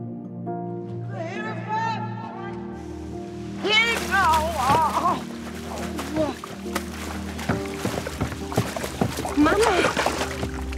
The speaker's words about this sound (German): Dann wäre nur sie da gewesen, als ihre Mutter sich zum Steg geschlichen hat und ins Wasser gefallen ist.